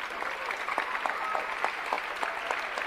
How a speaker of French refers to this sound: C'est le moment où vous applaudissez l'équipe extraordinaire du Festival d'Avignon.